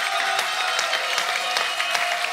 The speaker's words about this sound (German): Man hört es gerade an dem Applaus, der aus der Hetschbacher Fanecke kommt. Ich habe das Gefühl, der halbe Ort ist da.